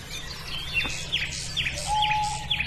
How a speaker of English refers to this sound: I do know that's an owl.